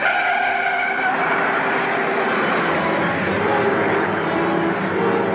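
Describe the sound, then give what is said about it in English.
A stolen police squad car's engine roars at high revs with a sustained tire screech as it speeds away, loud and continuous throughout, with no voices. “There, took your car.”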